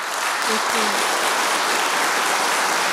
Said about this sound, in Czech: Já myslím, že si klidně může ještě jednou a nejednou vychutnat ten potlesk.